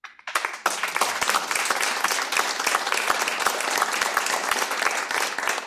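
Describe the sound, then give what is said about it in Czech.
A burst of applause from a group of people, dense overlapping claps starting suddenly and continuing steadily and loudly, with no talking. “tleskáme ti.”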